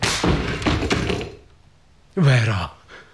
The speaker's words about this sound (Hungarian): Ezzel! Rám törj az ajtót! Nem!